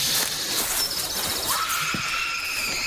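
A faint scream-like cry rises thin and high-pitched over a steady hiss of background noise, with no voices nearby.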